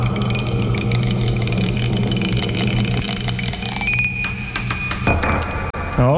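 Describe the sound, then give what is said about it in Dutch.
A die is rolled for a radio show game and tumbles with a string of small clinks and rattles, heard over a steady low mechanical hum, with a few sharper knocks near the end. “Ik ben de dobbelsteen kwijt.”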